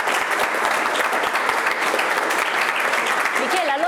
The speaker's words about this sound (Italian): qui l'applauso ci sta veramente bene.